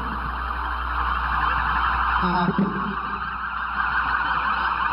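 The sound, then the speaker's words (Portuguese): Wailing police sirens sound steadily over a dense outdoor din, loud throughout, as emergency vehicles roll past one after another in a parade: vehicle 01 of the Polícia Científica followed by the other vehicles of the Institutes of Criminalística and Medicina Legal (IML). “Abrindo no Chile, a viatura 01 da Polícia Científica, seguidas as demais viaturas do Instituto CIML, sempre prontos para o atendimento à população”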